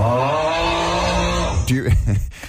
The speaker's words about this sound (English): Do you remember when that went viral? That was a wife who recorded her husband snoring, and this is what he was doing at nighttime. That's a dead man. That cannot be someone's snore. That's so bad. That is intense.